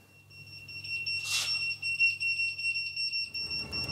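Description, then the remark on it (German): A shrill electronic alarm for the Ortsfeuerwehr Brinkum volunteer fire brigade sounds steadily in two high piercing tones, pulsing rapidly and loud throughout, with a brief burst of noise early on and faint rumbling background activity; the call-out is to a reported fire in a family house. “Alarm für die Ortsfeuerwehr Brinkum.”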